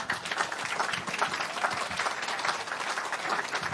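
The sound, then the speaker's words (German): Steady applause from an audience as Ulrich Mattes takes the stage, a dense crackle of many hands clapping at an even, sustained loudness for several seconds with no voices rising above it. “Heute Abend, hallo Ulrich Mattes, genau, den Applaus müssen Sie sich jetzt erstmal noch abholen.”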